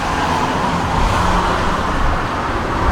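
A car drives along a road in Hebron to the place where a shooting happened, with a steady rumble of engine and tyre noise that holds at an even level throughout, with no voices.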